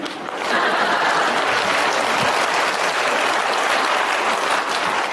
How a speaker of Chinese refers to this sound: 你听着掌声。